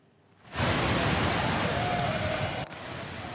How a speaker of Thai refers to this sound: ผู้เห็นเหตุการณ์บันทึกภาพกระแสน้ำจากน้ำตกอิกวาซูไหลลงมาแรงผิดปกติจนทะลักท่วมจุดชมวิวของอุทยานแห่งชาติในฝั่งบราซิล